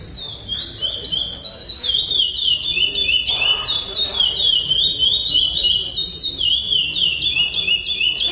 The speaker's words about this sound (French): Ces concours, donc, sont des concours de chant Praia Grande, le nom de la mélodie qui est enseignée aux oiseaux et qui est évaluée pendant ces concours.